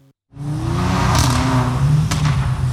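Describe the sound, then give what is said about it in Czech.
A sports car engine roars up and holds a loud, throaty rev, its pitch climbing and wavering as it's pushed, continuous with no voices; a powerful sports car revved by its owner at a night-time meet in a shopping-centre parking lot in Ostrava, Czech Republic. “Na nedalekém parkovišti se v noci pravidelně scházejí majitelé silných sportovních aut, předvádějí, co jejich vozy umí. Turují motory, driftují a troubí na klaxony.”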